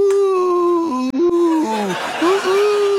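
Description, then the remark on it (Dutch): A voice softly imitates an ambulance siren, holding a steady hummed tone that dips and rises between two pitches for about three seconds, with a slight breathy wobble near the end. “Dit klinkt alsof iemand heel voorzichtig probeert een ambulance na te bootsen.”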